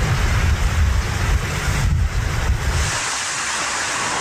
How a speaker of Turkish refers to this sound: Tekirdağ'da rüzgarın hızı saatte 80 kilometreye çıktı. Ağaçlar kökünden söküldü. Park halindeki araçlar zarar gördü.